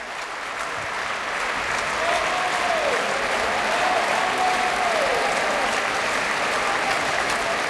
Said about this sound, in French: Et de beaux applaudissements encore pour le ténor Penepati qui faisait une courte, brève, mais très belle apparition dans ce Requiem, dans le Sanctus tout à l'heure.